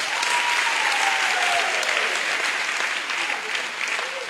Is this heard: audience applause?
yes